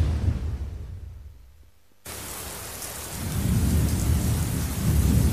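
A thunderstorm: deep rolling thunder fades out, then a sudden cut into steady heavy rain hissing, with more low thunder rumbling up beneath the downpour. No voices.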